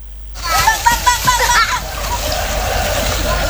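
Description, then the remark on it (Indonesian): River water splashes and sloshes around a rubber boat carrying children, aged 7 to 12, down the Code River through Yogyakarta on a river class run by the Jogja Adventure Kids community. Irregular splashy bursts early on settle into a steady wash of flowing water, with faint children's voices mixed in. “Anak-anak ini menaiki perahu karet saat menyusuri Sungai Code yang membelah Kota Yogyakarta.”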